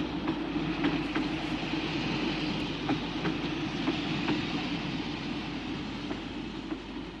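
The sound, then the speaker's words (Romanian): A train rumbles steadily along the rails, a dense low roar with a recurring clickety-clack of wheels over track joints, fairly loud, with no voices. “Ia uzi-l că vine.”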